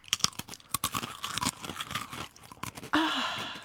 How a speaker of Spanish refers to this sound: Para la gente que se ha olvidado de comer, esto es masticar. Cierre los ojos y haga de cuenta que usted está comiendo una galletita.